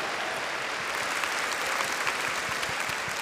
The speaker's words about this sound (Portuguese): Uma salva de palmas a todos que ajudaram.